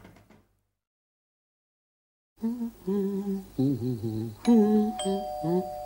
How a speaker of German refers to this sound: Ah, das muss die Türklingel sein.